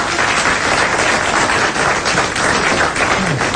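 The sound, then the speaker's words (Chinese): An audience at a crosstalk (xiangsheng) comedy performance applauds steadily for several seconds, a dense, even wash of many hands clapping at once with no voices over it. “只要观众当中有一位鼓掌欢迎我这。”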